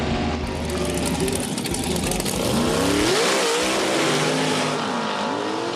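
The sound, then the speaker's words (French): A drag racing engine at a dragster competition roars loudly and steadily, its revving pitch sweeping upward partway through before settling into a harsh, sustained howl. No voices are heard. “Pendant ces compétitions dragster, on retrouve également une autre catégorie, les motos.”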